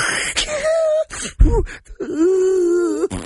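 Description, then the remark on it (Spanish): A voice imitates snoring: two drawn-out, wavering whiny tones with a short low, rumbling snort-like gasp between them, moderately loud and without any talking. “Bueno, eso es otro ronque. Roncas por varios lugares.”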